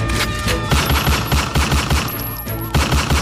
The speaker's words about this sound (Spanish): Atención, porque ayer hubo balacera en el norte de Santiago de Cali, balacera aquí en la ciudad, atención.